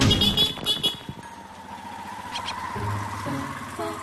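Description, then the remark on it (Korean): Car horns honk in a busy alley of a local residential neighbourhood in Egypt, short blasts over the steady rumble of engines and passing traffic, with a motorbike buzzing. “크락션을 누를 상황이 아니잖아 지금.”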